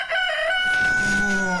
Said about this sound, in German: Für den Start in den Morgen einen Hahn ans Bett bestellen?